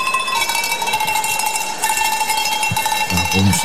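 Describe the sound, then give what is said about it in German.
A woman cowbell ringer at the Heidi Fest shown on RTL rings cowbells continuously in a dense, overlapping jangle of bright metallic tones, holding a steady, loud level throughout with no pause, with a brief low voice-like sound near the end. “Und mein persönliches Highlight, ganz klar, die Kuhglockenläuterin. Dann lass mal läuten.”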